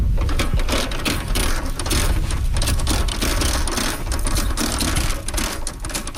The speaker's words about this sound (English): I visited the farm earlier this month just as the team was planting cabbage. As one team member was using a tractor to make rows, another was using a planter to make holes to put the plants in.